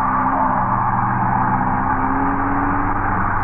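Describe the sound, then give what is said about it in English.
A car driven by Ralph Leonard swerves crazily around a street corner in the evening, its engine roaring loudly at high speed, holding a steady, throaty drone with a faint whine for a few seconds. No voices. “As you look up, a car with Ralph Leonard at the wheel swerves crazily around the corner.”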